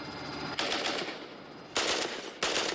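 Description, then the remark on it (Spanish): Three loud bursts of gunfire, fired on a command to fire, crack out in quick succession against a steady background rumble, each burst lasting a fraction of a second, with no talking. “De acuerdo, a las 3. Fuego.”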